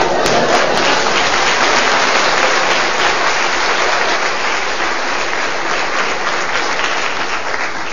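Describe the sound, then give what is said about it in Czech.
A large audience applauds steadily to welcome a speaker, a dense, loud wash of many hands clapping at once that holds for the full eight seconds without a break or any voices. “Děkuji vám, vážení přátelé, že jste mě uvítali potleskem.”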